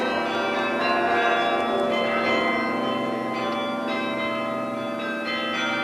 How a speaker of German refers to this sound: Eine große Menge hatte sich dort bereits vor der Bühne versammelt, um dem Glockenspiel des Roten Turms zu lauschen, von dem diese Feierstunde eingeleitet wurde.